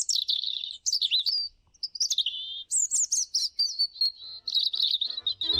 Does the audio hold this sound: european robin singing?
yes